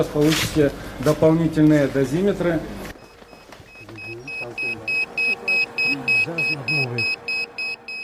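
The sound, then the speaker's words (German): Radiation dosimeters sound an alarm at Chernobyl as people approach the destroyed reactor of Unit 4, where radiation is over 700 times the German average: a rapid, steady run of high-pitched electronic beeps, over a dozen evenly spaced, fairly loud, while a man talks underneath. “Als wir näher an den zerstörten Reaktor kommen, schlagen die Dosimeter Alarm.”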